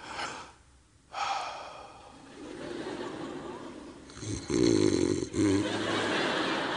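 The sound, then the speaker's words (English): A person imitates a dog snoring: a few breathy, wheezing inhales building to a louder, rattling snort-like snore near the end, with no actual words. “The dog snores, okay?”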